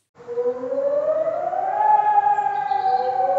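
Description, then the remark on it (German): A fire station alarm siren, set off for a hotel fire in Bensheim after 34 calls, starts up and winds upward in pitch, then holds a loud, steady wailing tone with strong harmonics, sounding continuously with no talking. “Leute, ich glaube, mir ging zu Recht die Pfeife, denn hier wurde jetzt gerade ein Alarm ausgelöst.”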